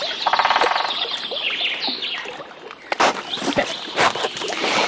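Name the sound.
woodpecker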